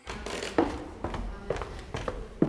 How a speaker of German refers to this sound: Das alte Rathaus in der Marburger Oberstadt. Holzvertäfelte Wände, knarrende Dielen. Das Gebäude wirkt, als wäre die Zeit hier stehen geblieben.